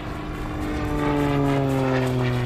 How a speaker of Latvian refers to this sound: Piepeši uzmanību piesaista troksnis gaisā. Lidmašīna.